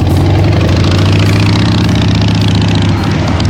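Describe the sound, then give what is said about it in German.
A motorcycle engine idles, a loud, steady low rumble with a throbbing, even pulse that holds without pause for a few seconds and no voices. “Wir tauschen den Anzug gegen die Kutte und starten raus in die Rockrepublik, zum Beispiel im Sattel.”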